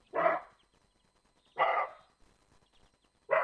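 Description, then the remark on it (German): Three loud, harsh roe deer alarm barks ring out at slow, even intervals, each a short, hoarse burst followed by near silence, with no talking. “Für mich hört sich das aber weniger nach einem Reh, sondern eher nach einem bellenden Hund an.”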